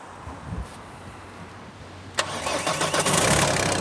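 A car engine being jump-started cranks briefly and catches with a sharp start, then settles into a steady running rumble with slight revving fluctuations. No one speaks.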